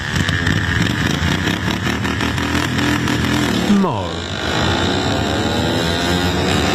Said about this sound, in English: There's no grass cutting happening at the All-Australian Lawnmower Racing Championships. Instead, ride-on mowers have been modified to reach speeds of around 60 kilometres an hour to race around a dirt track.